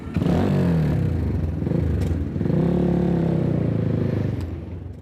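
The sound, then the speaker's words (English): A motorcycle engine runs loud, revving up twice as it pulls away and cruises through city traffic in Tehran, Iran, with a steady rumble of surrounding street traffic and no one talking. “With such traffic in Tehran, two wheels are a practical choice.”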